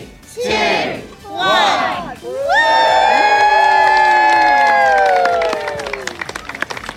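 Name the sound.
crowd shouting and cheering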